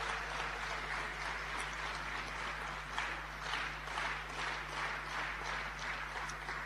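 A crowd applauds in a steady, dense wash of clapping that holds for several seconds without voices, with a faint low hum running underneath.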